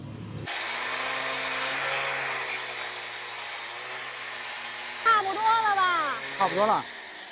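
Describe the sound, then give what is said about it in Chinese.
A small power tool, swapped in for a bigger machine, whines steadily, grinding a mother-and-child stone (子母石) into shape for painting on, with a gritty hiss. The motor hum holds a constant pitch throughout, and near the end people start talking over it. “哎呀，这大机器换了小机器， 经过 整个两小时， 对，是吧？”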